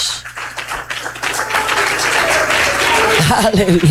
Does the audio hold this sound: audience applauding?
yes